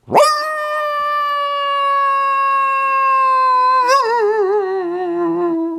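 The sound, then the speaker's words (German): A voice imitates a sad coyote howl: one long, steady, high wail held for several seconds, then wavering and sliding downward at the end. It is fairly loud, and there is no talking. “Kannst du auch einen Kojoten nachmachen?”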